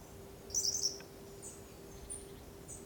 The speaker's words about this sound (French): Léger gazouillis qui contraste avec la rigueur